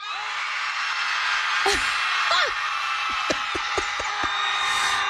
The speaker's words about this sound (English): At least 250 people showed up just to scream toward the Dallas skyline.